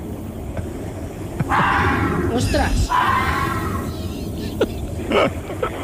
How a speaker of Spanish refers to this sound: Espera, puede ser una psicofonía, un gato siamés, un fantasma rumano o un zorro rojo. El gato. Gato siamés. Lo siento, pero no es el gato siamés.